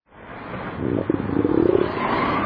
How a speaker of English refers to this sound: That rumble you hear isn't thunder over Nebraska. It's your stomach.